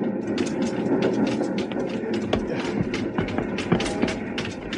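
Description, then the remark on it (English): A small train with a wood-loaded tender jumps and rocks over uneven rails, rattling and clanking, irregular metallic knocks and jolts riding on a steady rumble, continuous throughout with no voices. “The little train jumping, rocking over the uneven rails.”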